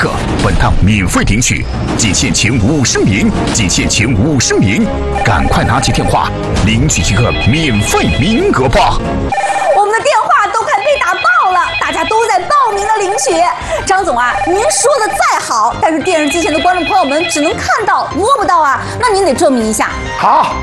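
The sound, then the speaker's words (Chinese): Telephones ring over and over beneath busy overlapping voices in a TV shopping broadcast, as callers flood the lines to sign up for a silver bowl giveaway, the electronic trilling repeating in bursts throughout a loud, crowded mix of talk and background noise. “我们的电话都快被打爆了，大家都在报名的领取。”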